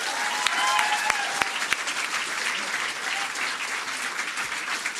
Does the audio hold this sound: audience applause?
yes